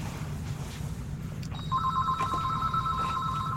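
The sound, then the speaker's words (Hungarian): A phone rings with a steady electronic tone that starts partway through, sounding clear over a low rumbling background, with no talking; it is an incoming call from a listener phoning in to a live broadcast. “Közben van egy telefonálunk. Haló?”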